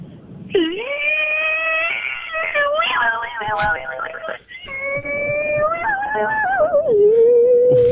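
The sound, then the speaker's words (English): A voice imitates a getaway car speeding away from a robbery, a loud, strained, buzzing drone that sweeps up in pitch, breaks briefly midway, then revs again before gliding downward at the end. “How about a car speeding away from a robbery that they just committed?”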